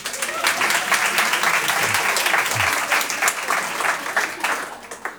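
An audience at a comedy show bursts into applause as a show of hands by those who collected ink cartridge balls, a dense, steady clatter of many hands clapping at once that stays strong for several seconds before tapering slightly.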